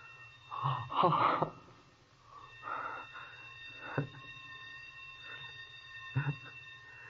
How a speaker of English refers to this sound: That was the bell back in the basement. The day engineer turned off one of the sprinkler alarms.